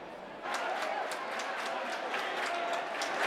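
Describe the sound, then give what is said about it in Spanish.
A crowd claps hands in a steady, rhythmic beat, loud, with a busy murmur of voices and prayers mixed underneath throughout, as the Virgin is carried in procession through the central nave of a hermitage over six minutes. “Y al son de las palmas y con rezos, en 6 minutos la Virgen ha atravesado la nave central de la ermita.”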